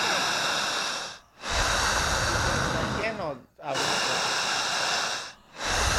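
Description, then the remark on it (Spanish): Heavy, forceful breathing: a person doing a strong breathing exercise, drawing air in deeply so the chest and shoulders rise; long, loud rushes of air in and out, one after another, separated only by brief pauses, with a faint voiced strain at one point. “Siga respirando. Siga. Que pues no se ahogue. Jale el aire. Fuerte.”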